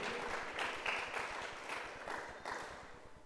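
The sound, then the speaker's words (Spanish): A crowd claps steadily and enthusiastically in applause to the Lord, the dense applause continuing with no one speaking over it. “Démosle un aplauso al Señor con todo nuestro corazón.”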